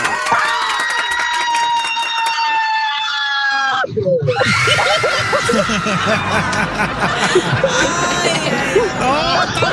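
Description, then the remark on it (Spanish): A woman's long, high-pitched scream of terror holds steady for several seconds, then cuts off into a loud, chaotic burst of crowd laughter and cheering. “un grito de terror, que ya ganaste,”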